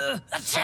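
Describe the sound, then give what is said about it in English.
A voiced, rising "ah" breath, a short pause, then a sharp, loud burst of noise: a single sneeze, brought on by dust while sweeping and moving boxes, that sounds partly vocalized. “All this dust is making me...”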